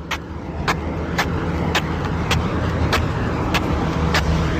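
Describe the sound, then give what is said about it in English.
Feet shuffle in baby steps along the pavement of Queen Street, the main street of Masterton, early in the morning: about eight short, steady scuffs, evenly paced, over a constant low rumble of passing traffic. No one speaks. “I'm shuffling my feet so it makes for good sound effects on the radio.”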